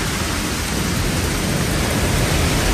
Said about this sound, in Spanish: El granizo, que arrecia con fuerza en puntos del Pirineo Ostense, como en la comarca de Sobrarbe,